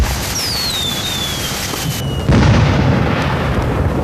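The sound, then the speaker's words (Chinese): Fireworks going off outdoors: a whistling rocket streaks upward and fades, then a dense, crackling rumble of bursts swells louder and continues steadily. “来看烟花，放烟花了。”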